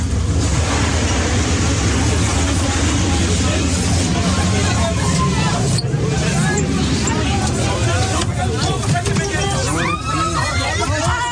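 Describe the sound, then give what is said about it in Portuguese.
A packed crowd of panicked passengers clamors nonstop inside a crowded train that is starting to catch fire after a short circuit, many overlapping voices loud over a steady low rumble for the whole stretch. “O vídeo que mostra o trem cheio começando a pegar fogo é desesperador.”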